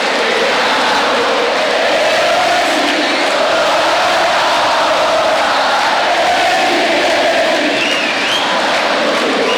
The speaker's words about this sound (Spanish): Imposible describir con palabras todo lo que estamos viendo. Fuegos artificiales, todos festejos. La noche que se hace el día. Los aplausos. El último tango del 10. Una fiesta única. Escuchen.